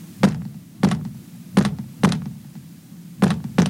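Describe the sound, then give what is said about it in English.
Six dull, solid knocks on a wall, loud, in an uneven rhythm with short and longer pauses between them; no voices are heard. “I better knock back.”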